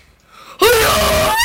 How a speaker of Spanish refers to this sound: Vamos aquí al micrófono. Ya, oye. Yo grito. Uy, uy.